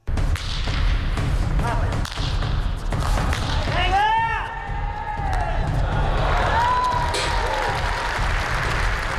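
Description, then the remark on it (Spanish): A pelota match in full competition at a historic fronton in central Madrid, during a weekend of pelota mano and frontenis matches: sharp smacks and thuds of the ball ring out over a steady roar of crowd noise, with cheering and a few rising shouts or whistles. “Y lo primero que hacemos, si te parece, es escuchar cómo suena ese Betis High en plena competición.”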